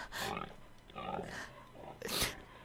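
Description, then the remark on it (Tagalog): Hungry pigs in a pen give three rough, snorting grunts in quick succession, fairly loud, with short pauses between each burst. “Dinri ko na ko to sa balay sa baboy.”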